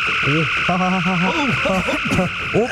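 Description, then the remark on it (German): A sci-fi phaser set to dematerialize instead of grill, making someone vanish: warbling, bending electronic tones over a steady high hiss, sustained for about three seconds with no voices. “du musst den Face auf Grillen stellen und nicht auf Entmaterialisieren.”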